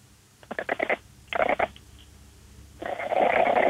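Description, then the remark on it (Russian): A sick female exotic cat named Lady Vata, a breed with a very flattened face, makes snorting, grunting meows: a quick rhythmic run of short nasal bursts, a second cluster, then a longer rough, raspy sound. No one speaks. “Это она так приболевшая мяукает?”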